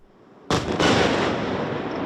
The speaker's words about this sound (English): Kyiv was under attack right through the night, shaken by huge explosions, as Russia targeted this city with its missiles and drones, and Ukraine tried to defend itself.